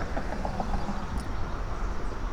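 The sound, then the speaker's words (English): Road traffic goes by on Wenninghoff Road, with interstate traffic also audible, as a steady, continuous low rumble and hiss, fairly even in loudness, with a few faint, high chirps early on and no talking. “And we can hear the traffic go by on Wenninghoff Road.”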